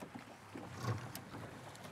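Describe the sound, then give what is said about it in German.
A small boat motor sputters to life with a low, rough putter after its safety button is pressed, rising briefly before settling into a steady idle amid open-air wind and water noise. “Genau, dann pupst es und du fährst los.”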